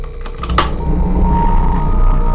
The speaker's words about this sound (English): Even line buzzing makes a good threatening noise with this effects chain.